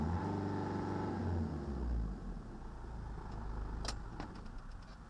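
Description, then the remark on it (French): A diesel truck engine turns over with a low, droning rumble, then cuts out into rough mechanical noise and a few sharp clicks without catching. It's fairly loud, with no voices. “S'il ne démarre pas, je vais tenter le coup, hein, de toute façon.”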